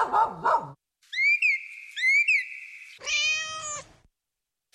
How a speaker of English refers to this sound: You were trapped in the house and we negotiated barking dogs and excitable cats.